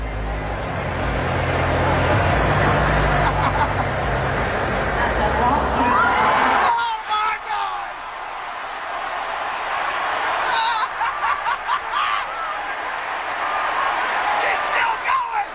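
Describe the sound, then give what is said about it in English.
A loud, roaring crowd of cheers and whoops swamps a female singer's performance for about seven seconds, drowning out her singing, then drops to a quieter murmur of chatter and scattered shouts, with the music still buried underneath. “The crowd's way too loud.”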